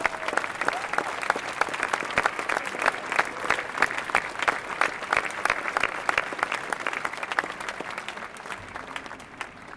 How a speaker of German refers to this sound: Sie haben sich jetzt einen riesen Beifall redlich verdient.